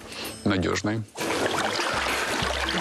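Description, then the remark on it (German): Hot water is poured into a person's ears, pouring steadily with a continuous splashing rush, fairly loud, following a brief voice at the start. “Ich brauche heißes Wasser in meinen Ohren.”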